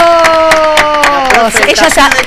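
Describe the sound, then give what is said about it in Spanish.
Loud applause for a guest on a talk show, with dense, steady clapping and a sustained cheering voice that holds a long, gently falling whoop over it, breaking into scattered excited shouts near the end. “Te ponen aplauso, vos no lo escuchás, pero te ponen.”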